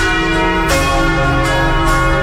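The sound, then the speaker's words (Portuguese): Church bells ring out loudly and continuously in Jequié, their rich sustained tones overlapping with periodic bright strikes roughly every second, forming a dense, resonant peal. “Os sinos estão anunciando que chegou a hora da graça.”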